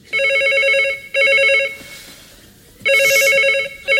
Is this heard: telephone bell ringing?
yes